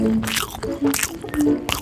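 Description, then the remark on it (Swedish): Wet chewing and crunching, a few quick mouthy bursts at an uneven rhythm, with a low hum underneath. “Smaskigt. Smaskigt. Vad gott.”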